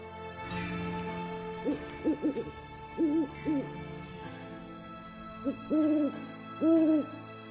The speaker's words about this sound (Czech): A jedna sova, što žmirka danju, mudra na starom bukovom panju, kukne mi